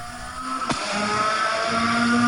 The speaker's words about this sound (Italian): Sentiamo anche il suono dei motori.